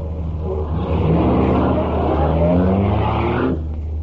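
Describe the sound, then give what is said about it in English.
A loud souped-up car engine roars and revs, its pitch climbing steadily as it accelerates for a few seconds, then cuts off abruptly. No voices. “Ain't he kind of old to drive a souped-up buggy like this?”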